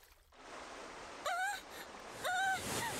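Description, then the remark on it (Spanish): Steady rushing water flows continuously, like a lively stream, while two short honking bird calls rise above it about a second apart. “La hoja de loto se desplazó lentamente por el riachuelo y Pulgarcita empezó a ponerse cada vez más nerviosa.”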